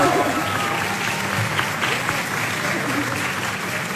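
Sustained audience applause for the winner of a quiz competition, a dense, steady wash of clapping that holds at an even, fairly loud level for the whole four seconds without letting up.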